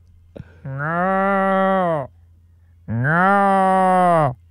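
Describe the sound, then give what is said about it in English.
A person imitates a cow with their mouth, giving two long, drawn-out moos, each lasting over a second with a brief pause between them. The sounds are loud, against a faint low hum. “I think that's a cow, but it could also, it could verge into lamb or sheep.”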